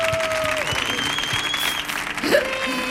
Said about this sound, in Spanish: Mire, fuerte el aplauso